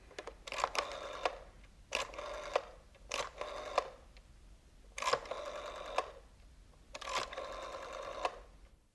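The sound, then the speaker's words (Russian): A telephone number being dialed: five separate bursts of rapid mechanical clicking and whirring, each lasting about half a second to a second, fairly loud, with no talking. “Набери какой-нибудь номер.”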